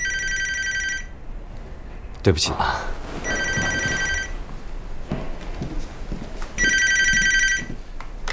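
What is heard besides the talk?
telephone ringing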